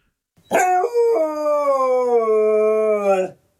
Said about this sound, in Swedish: Men Luffe verkar inte alls vilja vänja sig. Gordon visste inte att hundar kunde yla så högt.